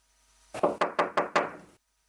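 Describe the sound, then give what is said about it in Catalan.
Five firm knocks on a wooden door in a quick, steady rhythm, clear with no one speaking, followed by silence. “Bueno, algú està trucant a la porta, no?”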